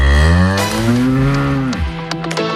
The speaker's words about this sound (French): Ça, c'était la vache Marguerite, c'est la vache de Kamal qui réalise cette émission. Voilà, elle fait du bon lait et du bon fromage, elle fait du bon reblochon et du bon Beaufort